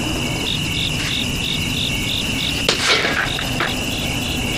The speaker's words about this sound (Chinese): 蚊子没打着，这回打着。